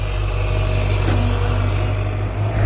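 A heavy dump truck engine drones steadily, a deep, continuous mechanical hum as the truck bed is raised to unload 3,000 kilograms of weed taken from a lake, with no voices.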